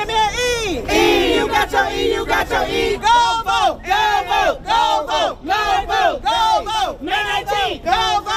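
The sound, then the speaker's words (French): A large crowd gathering in downtown Selma cheers and shouts loudly, its many voices settling into rhythmic, repeated chanting bursts that rise and fall roughly every half second. “Une foule se rassemble au centre-ville de Selma.”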